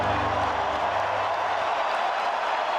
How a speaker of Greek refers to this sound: ήταν το γήπεδο κατά την ανάκρουση του εθνικού ύμνου του Ιράν. Από τις εξέδρες ακούστηκαν αρχικά έντονες αποδοκιμασίες από μερίδα δυσαρεστημένων φιλάθλων, ωστόσο όσο πλησίαζε στο τέλος του, το κλίμα άλλαξε με το γήπεδο να σπάει από θερμό χειροκρότημα.